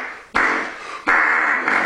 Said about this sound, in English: It's hand tooting. Hand farting. Yeah, that's not what you think.